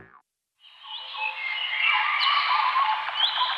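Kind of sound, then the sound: bird, birdsong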